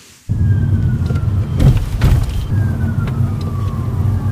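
A thin, high electric whine from a Citroen EC3 electric car recovering energy when the foot lifts off the accelerator glides slowly downward in pitch, fading in twice over a steady low road-and-motor rumble from inside the moving car, resembling an approaching emergency vehicle's siren.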